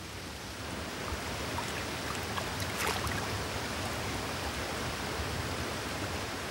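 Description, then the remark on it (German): Steady, dense hiss of rain falling continuously, with a few brighter drips or splashes standing out briefly near the middle; no voices. “Dem Graureiher dagegen kommt der Regen gelegen.”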